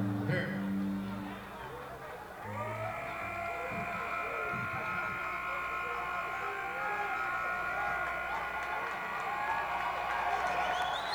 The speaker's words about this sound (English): Round of applause, boys.